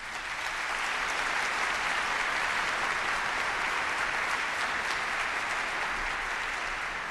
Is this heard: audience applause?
yes